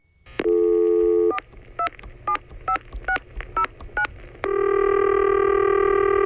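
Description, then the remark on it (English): A steady phone tone gives way to a quick run of about eight clear touch-tone beeps as a number is dialed for a prank call, followed by a sustained electronic line tone, all loud with no talking. “Today's prank call of the day.”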